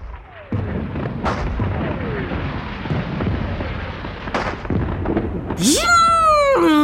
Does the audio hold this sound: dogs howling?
no